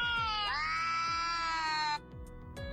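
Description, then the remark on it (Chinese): Two cats caterwauling at each other as they meet, played back to an AI pet translator: one long, rising, wailing yowl held for over a second, then a lower, quieter drawn-out cry, both loud, with no talking. “而如果播放两猫相遇时的叫声，翻译器又给出了答案。”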